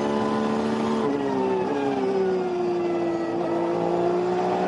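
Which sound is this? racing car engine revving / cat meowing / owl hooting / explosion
racing car engine revving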